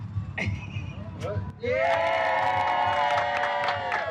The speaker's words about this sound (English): Joyful applause surrounded Habitat for Humanity of San Antonio's volunteers and supporters as they cut the ribbon and celebrated building a house in just 50 hours.